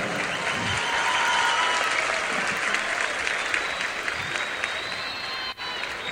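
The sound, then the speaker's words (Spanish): A crowd at a show claps steadily for a maestro for about six seconds, a dense, even patter of many hands with no one speaking, holding a constant loudness until a brief dip near the end. “fuerte los aplausos para el maestro Leodán”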